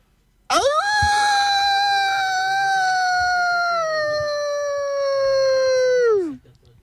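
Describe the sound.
A person imitates a wolf howl with one long, loud, sustained note that holds steady for several seconds and then slides downward at the end, heard alone without talking.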